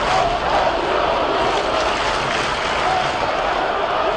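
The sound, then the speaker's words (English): A large stadium crowd at Rensselaer Field in Hartford roars loudly and steadily, a dense wash of cheering and shouting voices holding at full volume, after a 71-yard Huskies rushing touchdown against Syracuse brings the football game to a 34-34 tie. “Now they have 170 as the crowd gets loud here at Rensselaer Field.”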